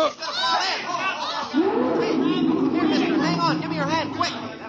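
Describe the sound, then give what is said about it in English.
Many overlapping voices of kids and grown-ups milling around a crowded park at the lion pits babble at once in a steady crowd murmur, with bright higher voices and a few brief laughs rising over the continuous chatter. “I drifted close with the rest of the crowd, leaned over the iron railing that ran along the edge of the moat, and then...”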